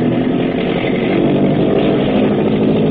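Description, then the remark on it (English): A motor torpedo boat engine revs up as the throttle is opened at nightfall in deep water, roaring loudly and continuously, a dense, rumbling drone that holds steady throughout with no voices over it. “Hackett is opening up. Open her up, Grab.”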